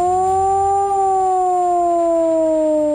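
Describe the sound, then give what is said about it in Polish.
A loud civil defense siren wails steadily, sounding the three-minute modulated civil protection alarm signal, its rich harmonic tone slowly sliding downward in pitch as part of a rising-and-falling modulated cycle, with no voices present. “Dźwięk dla ochrony ludności to 3-minutowy modulowany, czyli falujący sygnał syreny.”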